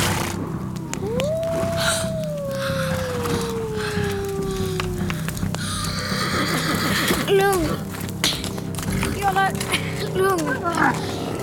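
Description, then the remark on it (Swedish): A long, mournful wolf howl rises and slowly falls over several seconds, followed by shorter yips and wavering cries from the pack, with a low rumbling background throughout. “Varga. En hel flock.”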